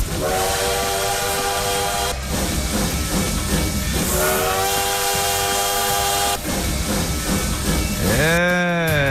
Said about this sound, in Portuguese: olha o trem-bala aí, ó.